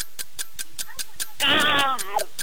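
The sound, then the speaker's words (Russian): A person's voice imitates a hungry crow with one strained, nasal, wavering caw lasting under a second. A steady, quick ticking runs underneath throughout. “Голодная ворона.”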